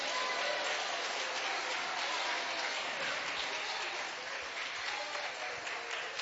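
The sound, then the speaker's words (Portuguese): A church audience applauds for Christ steadily for several seconds, a dense, even wash of many hands clapping at constant loudness, with faint voices mixed into the crowd noise. “Mais alegre aplausos para Cristo.”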